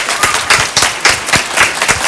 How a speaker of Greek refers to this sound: Έτσι ρε παιδιά, χειροκροτήστε.